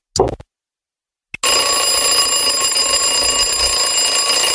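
An alarm clock rings: a short clattering burst, a brief silence, then a loud, continuous metallic ringing that carries on steadily to the end, with no voices.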